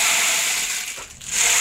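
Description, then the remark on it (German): A percussion instrument similar to a rainstick gives a dense, continuous hiss of tiny rattling grains, steady and bright with a brief dip in the middle before it swells again. No voices. “Oh, klingt wie ein Regenmacher, so ähnlich ist es auch.”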